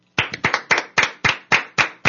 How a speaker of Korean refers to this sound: 지금 여기 우리 채팅방 보니까 이 피치님이 50kg 빼셨대요. 와, 박수!